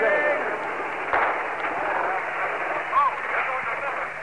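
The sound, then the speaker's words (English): A muffled blast, going right into the crowd, bursts out of a steady roar of crowd noise and shouting as the crowd tries to retreat, with the whole scene sounding thin and tinny as if heard over a radio broadcast. “There goes a big blast.”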